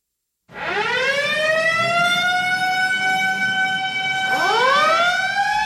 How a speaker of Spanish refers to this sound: Nada toma tu atención cuando escuchas el sonido de una sirena, pero dos cosas son ciertas, que alguien necesita ayuda y alguien está apresurado para brindarlo.